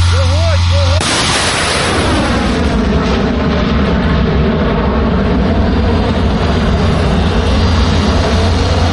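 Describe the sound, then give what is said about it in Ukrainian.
A high-precision missile is launched from a firing position at the enemy on the Oleksandrivka direction: a sudden, violent blast of roaring noise about a second in, then a loud, sustained rushing thunder with wavering tones as the missile flies off at great speed. No talking. “По ворогу, який засів на Олександрівському напрямку, летить високоточна ракета на шаленій швидкості.”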